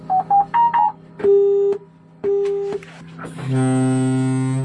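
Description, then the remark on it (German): A Siemens Mobility automated train, developed with Deutsche Bahn, gives a quick run of electronic beeps and two longer busy-tone pulses, then a loud, deep, sustained foghorn blast that lasts to the end, as it is started up and tests its own brakes on a test track in Berlin-Spandau. No talking. “Besetzzeichen und Nebelhorn. So hört es sich an, wenn der vollautomatisierte Zug hochgefahren wird und die Bremsen selbst testet.”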